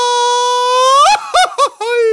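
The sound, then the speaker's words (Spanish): A lone voice lets out a long, sustained high yell that climbs in pitch, then breaks into a few quick warbling yips, an attempted mariachi grito, loud. “te sale el grito de mariachi?”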